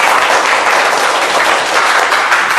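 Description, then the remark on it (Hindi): A group of children bursts into sustained applause for themselves after answering a riddle, many hands clapping densely and loudly for a few seconds with no one speaking over it. “अरे ताली बजाइए अपने लिए।”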